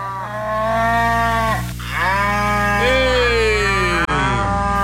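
A cow moos loudly in long, drawn-out calls, one low bellow sliding into another with a brief pause between, filling the whole few seconds with no talking, at a farm in Rio Novo do Sul where people are milking the cows.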